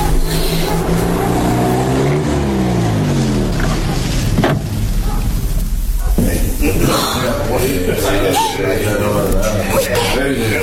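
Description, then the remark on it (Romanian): Vehicle engines hum loudly, their pitch sliding downward as the cars pull up and slow to a stop right in front of a jail, followed by a mix of idling rumble and background voices. “Uite, mașinile s-au oprit chiar în fața închisorii.”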